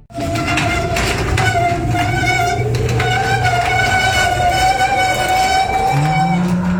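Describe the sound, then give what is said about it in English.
A loud, noisy old garage door creaks and groans, with long high-pitched metallic squeals and a low rumbling grind that continue steadily for several seconds, with no voices. “It sounds like your old garage door is trying to scare you again. It's noisy, it's cranky, and honestly, it looks like it might be haunted.”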